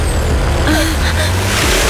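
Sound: car accelerating away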